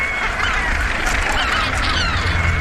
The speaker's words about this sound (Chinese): 在这个大海中的小据点，有超过150,000唐鹅筑巢，构成世界上最庞大的唐鹅群落。